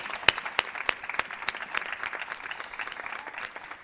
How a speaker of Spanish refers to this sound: O sea que si les damos un aplauso me vais a hacer feliz.